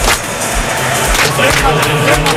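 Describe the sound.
A crowd claps in a steady rhythm, typical South African folk clapping rather than flamenco palmas, at a football stadium as the players step onto the pitch: sharp beats about twice a second over a loud, continuous roar of voices and noise.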